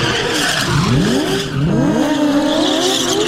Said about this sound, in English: That's him doing a burnout. As going round and round like a hoon. Didn't end there. He's still going.